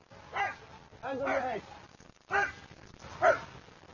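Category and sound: animal, police dog barking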